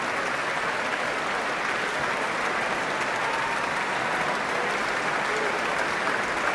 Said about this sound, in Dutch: En nou mag het voltallige orkest gaan staan. En wat een applaus, wat een succes, wat een mooie avond. Hier in het concertgebouw.